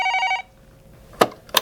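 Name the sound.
telephone bell ringing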